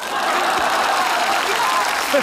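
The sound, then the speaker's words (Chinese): Steady audience applause fills the whole stretch, a dense wash of many hands clapping at once, fairly loud and continuous, with a few faint voices underneath. “鼓掌也不坐。 不坐就继续鼓。”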